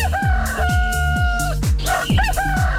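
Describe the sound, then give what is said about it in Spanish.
A rooster lets out a long, loud cock-a-doodle-doo, followed by a brief second call, all over a steady thumping electronic beat. “Dice, fijo que sí, te lo ganaste, es más, hoy por el desorden te llevaste hasta el gallo.”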